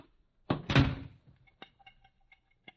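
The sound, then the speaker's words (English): The back door of a kitchen is kicked shut with a heavy thud, followed by a second knock-like impact and a few faint rattles and clicks as it settles. “Kick it shut.”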